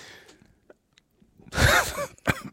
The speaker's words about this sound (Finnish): Joo, siis ei kun mulla pikkusen yskittää tuossa.